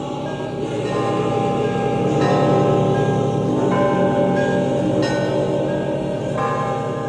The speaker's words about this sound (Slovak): Centové srdce sa už takmer dotýka vnútornej časti zvona. Ešte raz, ešte a ešte. Čoraz bližšie k ťažkej medi, tajúplnej a mlčanlivej. Plný, hlboký zvuk sa oddelí od rozkývaného zvona a velebne sa nesie nad ohúreným zástupom.